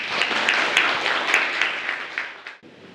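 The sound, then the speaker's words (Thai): A burst of group applause for a classmate after they talked about their favourite book, many hands clapping in a dense, steady patter for about two and a half seconds before it tapers off abruptly. “ปรบมือให้กับเพื่อนด้วยค่ะ”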